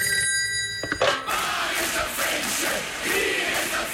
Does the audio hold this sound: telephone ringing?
yes